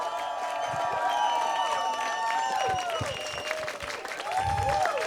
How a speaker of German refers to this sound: Gebt bitte einen riesigen, tosenden Applaus